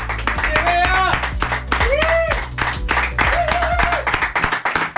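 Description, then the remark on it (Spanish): A crowd breaks into steady applause for the person who prepared the gathering, with dense rapid clapping, while voices cheer and call out over it in rising, whooping tones throughout. “Les pido, antes de que haga la presentación y todo lo demás, a todas las personas que forman parte de este espacio, de este momento, un fuerte aplauso”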